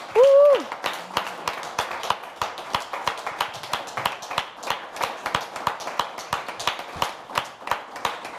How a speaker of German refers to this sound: Wir danken dir von ganzem Herzen einen tosenden Applaus dafür.